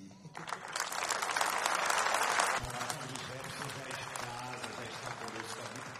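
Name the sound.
audience applauding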